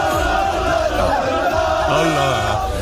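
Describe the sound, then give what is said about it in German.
A dense crowd of football fans celebrating in the Maghreb quarter of Düsseldorf during the 2026 FIFA World Cup, with overlapping shouts and cheering voices forming a steady, loud roar, some higher chant-like calls rising above the din. “Heute Abend starten die Viertelfinals und da könnte es in Düsseldorf im Maghreb-Viertel wieder so klingen.”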